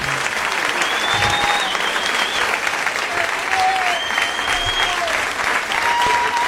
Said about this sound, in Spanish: Un aplauso grande para el Pepe, maestro.